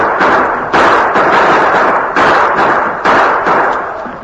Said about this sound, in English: All three of the men on the slope triggered their guns, but each one knew it would be impossible to halt the frenzied charge of the Apaches.